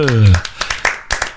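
A brief whooping cheer with falling pitch opens, then a handful of loud, irregular hand claps follow in quick succession, sounding like a small, half-hearted round of applause.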